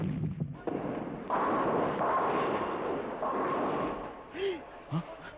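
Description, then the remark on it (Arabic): Cannon fire from the sea, aimed at houses: several heavy, booming blasts merge into a sustained, rumbling roar. Brief voices cut in near the end. “هذه طاقة منفع جاية من البحر على بيوتنا، على بيوت عيال شاهين.”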